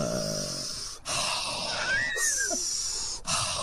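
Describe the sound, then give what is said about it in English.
Several long, noisy breaths of mindful breathing in and out follow one another with short pauses between them, fairly loud, with a faint whistling wheeze in the middle. No one speaks. “Mindful breathing. I think I kind of do that”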